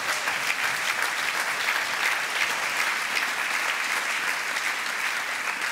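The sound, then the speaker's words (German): Sustained applause from a crowd, a dense steady wash of many hands clapping at an even, loud level for several seconds with no voices standing out. “Großer Applaus von FIFA-Chef Gianni Infantino aus dem VIP-Bereich im Rektum von Donald Trump.”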